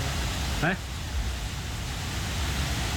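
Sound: rain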